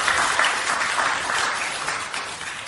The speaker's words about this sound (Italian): E un applauso, sì, veramente.